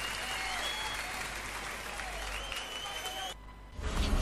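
Steady audience applause, a dense wash of many hands clapping at a fairly loud level, briefly thinning near the end before swelling again.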